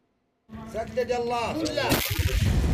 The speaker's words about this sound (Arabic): على وقع دوي المدافع تتجدد المواجهة الضارية في جبهة جبل هان غرب مدينة تعز.